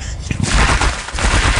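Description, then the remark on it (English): A capercaillie, a very large game bird of the Highlands of Scotland, sings: loud, dense rattling pops and clicks pour out almost without pause, with a few sharper cracks standing out. No one speaks. “It's still one of my favourite recordings, the Birds of Capercaillie.”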